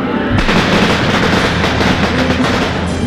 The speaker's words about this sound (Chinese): 鞭炮轰轰烈烈的炸，炸到阿贤耳朵都快聋掉了。